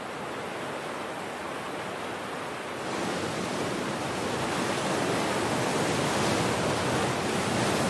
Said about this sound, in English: The churning water is a crucible of evolution.